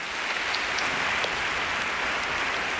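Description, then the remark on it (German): An audience applauds steadily to welcome a boys' choir from Hannover, many hands clapping in a dense, even wash of sound that stays loud and continuous throughout, with no voices heard over it. “Und ich bitte um einen herzlichen Applaus.”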